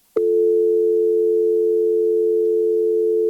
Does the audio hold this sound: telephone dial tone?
yes